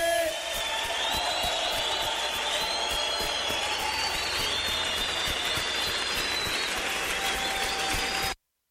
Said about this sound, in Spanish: Sí, Señor Jesús. ¿Por qué no le das fuerte ese aplauso al Señor Jesucristo? ¡Dáselo fuerte!